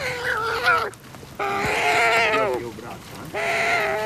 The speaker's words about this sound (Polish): Trochę rozpaczliwe te młode bociany.